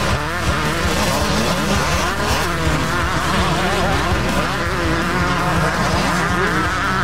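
Several speedway motorcycles race past on the track at Fast Fridays Motorcycle Speedway, engines roaring, whining and revving continuously at full throttle, loud, with a steady dense drone of competing motors throughout.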